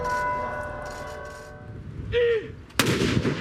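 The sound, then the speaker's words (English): A single heavy cannon blast, fired in Oslo in tribute to the late King Harald, booms out near the end, its rumble lingering afterward, following a stretch of soft sustained tones and low background murmur. “Today in Oslo, cannons fired in tribute, as thousands of people queued to lay flowers at the royal palace and remembered a modernizing and much-loved king.”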